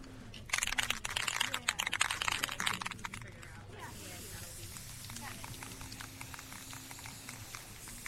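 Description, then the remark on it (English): Aerosol spray paint hisses in a run of short bursts for about three seconds as a cardboard sign is spray-painted in preparation for a march, then gives way to a quieter background with low murmuring voices. “You're spraying a cardboard sign over here.”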